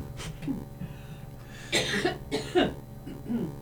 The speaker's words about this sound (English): I have to cough.